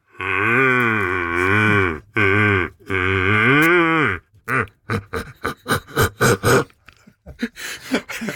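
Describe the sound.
A person imitates a big red deer stag's roar with a hand held in front of the mouth: three long, deep, harmonically rich bellowing calls, followed by a rapid series of short, grunting bursts, loud and with no other voices.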